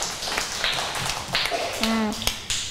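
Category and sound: crowd, classroom applause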